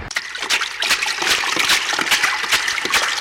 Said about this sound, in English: what's that sound I hear? That's what? Splashing.